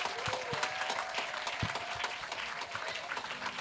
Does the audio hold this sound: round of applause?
yes